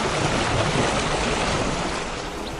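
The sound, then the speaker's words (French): Water waves gently wash and lap in a steady, continuous rush, moderately loud, with a soft breezy hiss underneath and no voices. “Voilà, un doux clapotis des flots.”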